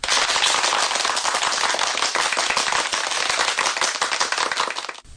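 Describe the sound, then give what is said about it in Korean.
A crowd applauds steadily after a speaker finishes talking, with dense overlapping claps coming from here and there and filling the whole stretch at a fairly loud, even level before tapering off slightly at the end. No one speaks. “조덕의 말이 끝나자 여기저기에서 박수 소리가 들려왔다.”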